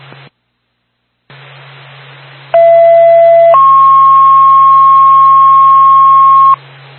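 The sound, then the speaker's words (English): A fire dispatch paging tone over radio static, toning out the Woodsville Fire Department for a fire alarm activation on Central Street in Woodsville: a short lower steady tone, then a longer higher tone held for about three seconds, loud and clear against a constant hiss and hum. “Flint State Woodsville Fire Department on second cone.”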